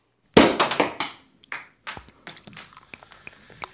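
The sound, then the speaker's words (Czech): A sharp, loud pop as a cork with a corkscrew stuck in it is pulled out of a bottle, followed by a few quick rattling thuds and then a scatter of faint, crackly taps that trail off. “Konečně jsme láhev otevřeli!”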